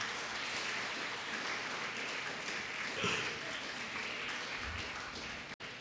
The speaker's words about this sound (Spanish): Honra al Señor. Denle un fuerte aplauso a Cristo Jesús.